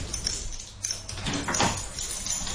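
Keys rattle and scrape in a door lock, a run of small metallic clicks and jangles, fiddling with no clear rhythm for a couple of seconds.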